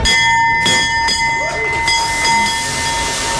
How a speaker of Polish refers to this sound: Po 10 latach na giełdzie papierów wartościowych pojawił się nowy dzwon otwierający sesję notowań.